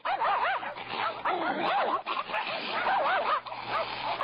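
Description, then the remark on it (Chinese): A pack of hunting dogs on a hillside barks furiously and without pause, their loud, overlapping yaps and yelps piling into a frantic, continuous din. “我刚要回答，忽然山坡上传来一阵阵猎犬的狂吠。”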